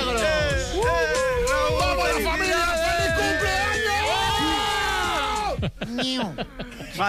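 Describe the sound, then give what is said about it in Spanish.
A group of family members shout birthday congratulations together, loud, many voices overlapping in a rowdy chorus for several seconds before breaking off into a few scattered calls. “Por favor, no gritéis tanto que me estáis saturando el sonido.”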